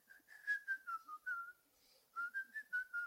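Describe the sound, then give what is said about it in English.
Someone riding a bike whistles a short, lilting melody of clear notes that step up and down, pausing briefly before a second phrase; fairly soft, with no talking. “And you were whistling on the bike.”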